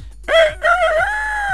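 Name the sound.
rooster crowing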